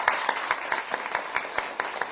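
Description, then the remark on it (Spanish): A crowd applauds steadily, many hands clapping together in a dense, even rhythm with regular pulses, moderately loud and sustained throughout, with no voices standing out. “En nombre de mi familia, de mi madre, un aplauso fuerte para ellos.”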